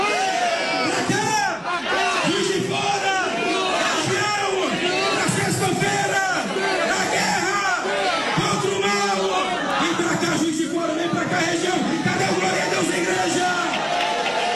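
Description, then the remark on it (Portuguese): A large crowd at a morning religious gathering chants and shouts together "vem!" ("come!"), inviting everyone to come to Juiz de Fora on Friday, many voices overlapping in a loud, steady roar of repeated calls that carries on without pause for the whole stretch. “Olha aí, você está ouvindo a fé do povo, você está ouvindo a fé do povo, um homem enfermo, um homem que não caminhava, estava numa cama, voltou a caminhar, e depois do milagre deste homem, o povo convidando a todos para vir para Juiz de Fora,”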